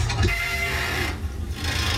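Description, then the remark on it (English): A bridge in Hamburg squeals with a steady, grinding metallic rasp and faint high whining tones over a low rumble. It stays continuous and fairly loud throughout, with no voices. “The squealing bridge.”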